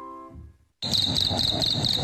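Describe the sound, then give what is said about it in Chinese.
After a soft musical tone fades into a brief silence, a cricket starts chirping abruptly by rubbing its wings together: a fairly loud, continuous trill with a slightly raspy, buzzing texture that keeps going to the end. “小蟋蟀得意地摩擦起双翅，唱了起来。”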